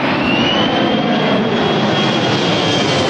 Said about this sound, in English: The C-17 Globemaster in all its glory. We're used to watching it thunder over Brisbane from below.